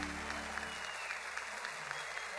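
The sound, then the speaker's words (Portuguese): A crowd applauds steadily, with dense, continuous clapping that holds an even level throughout, broken by scattered sharper individual claps. No voices come through. “Quem gostou, levanta a mão nesse debate de palmas.”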